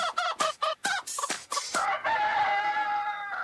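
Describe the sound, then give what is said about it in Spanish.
A rooster lets out a quick run of sharp clucks, then launches into a long, drawn-out crow, loud with nothing else in the background. “…, hermano del dueño del gallo, lo dice por acá.”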